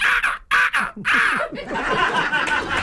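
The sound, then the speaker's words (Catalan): A person imitates a bird with a few harsh, raspy caw-like bursts, then breaks into breathy laughter and snickering that runs to the end. “A veure com fas d'ocell.”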